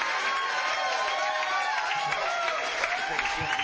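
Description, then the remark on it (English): A crowd applauds and cheers for the bass player of a live band, a steady, dense wash of clapping with whoops and shouts mixed in, holding at an even loudness for several seconds with no talk over it. “How about a big round of applause for bass hitter over here on the bass tonight?”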